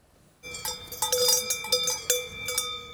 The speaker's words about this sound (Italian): Singolare il caso della Val Brembana, dove i turisti protestano per il rumore dei campanacci delle mucche. Qui non si dorme, dicono